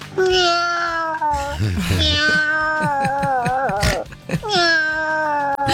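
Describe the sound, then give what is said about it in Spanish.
A person from Vicente López imitates a cat, giving a series of drawn-out, wavering meows with a pause between them; the tones are loud and clear, like a cat crying for attention. “Ahí va mi Michi.”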